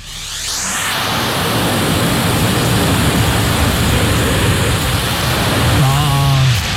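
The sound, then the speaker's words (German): A vacuum cleaner sucks up several pieces of confetti: it whooshes up to a loud, steady, hissing roar that holds without a break, with a brief tonal hum rising near the end. “Und es ist nicht ein Konfetto, es sind tatsächlich mehrere Konfetti.”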